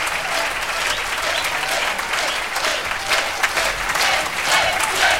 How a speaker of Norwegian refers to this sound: Ja, da gir vi en ekstra applaus til dansebandet for en fremragende kveld.